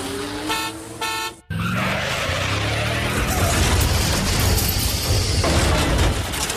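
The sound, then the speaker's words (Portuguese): Busy, chaotic traffic with several car horns honking in sharp bursts, then a steady roar of engines and tires, with more scattered honks and what sounds like skidding. “Olha, por exemplo, o trânsito. Às vezes anda cada um à sua maneira. Imagina só se não houvesse regras.”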